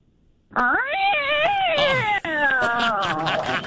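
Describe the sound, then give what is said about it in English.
A person's voice imitates a black cat meowing for Halloween: one drawn-out, wavering yowl lasting about three seconds with a brief break near the end, fairly loud, with no other sounds. “You need to give me an impression, your best impression of a black cat for Halloween.”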